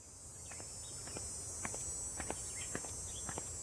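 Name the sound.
cicadas chirping in summer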